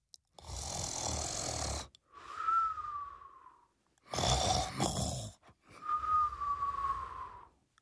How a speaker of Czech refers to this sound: Slon hlasitě chrápal.